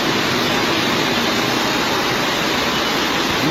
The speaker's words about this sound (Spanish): Así sonaba esa riada de agua que corría desde la calle Jesús de Monasterio hasta la plaza del Ayuntamiento de la capital.